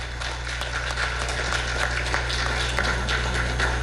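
Steady audience applause given as a round of applause for three ladies, a dense wash of many hands clapping at a constant moderate loudness throughout, with a low steady hum underneath and no voices.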